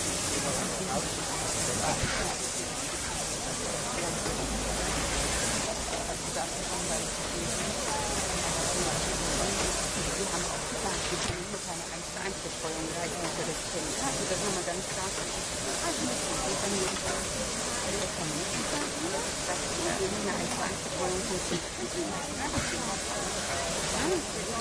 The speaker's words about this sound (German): Während die Lok jetzt hier auf die Scheibe kommt, kann man schon mal ein paar Worte dazu verlieren. Die Maschine ist eine Dampflok, die dem deutschen Dampflokliebhaber doch schon recht bekannt vorkommen wird von ihrer Gestalt.